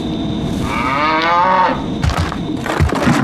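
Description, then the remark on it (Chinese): A dairy cow on a farm in the village of Olsen (欧森村) lets out one long, drawn-out moo, followed by scattered barn clatter and rustling in the background. “黑夜与寒冷加大了饲养家畜的难度，缺乏阳光，奶牛作息紊乱，会直接影响泌乳量，因此牛奶更显珍贵。”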